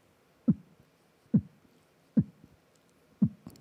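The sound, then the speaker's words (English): Four deep, punchy throat-made beatbox kick sounds, made by closing the upper part of the throat, spaced evenly about a second apart, a vocal imitation of a slow heartbeat. Fairly loud against a quiet background, with no talking. “Yes, it sounds like a heartbeat.”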